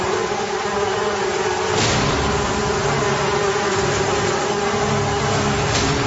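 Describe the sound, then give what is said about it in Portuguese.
A dense swarm of horseflies drones in a loud, steady buzz that fills the whole stretch, unbroken, with brief swells as individual flies pass. No voices. “E quando Deus viu que o coração de Faraó continuava desobedecendo, Deus mandou em seguida mais uma praga, a quarta praga das moscas mutucas em enxames.”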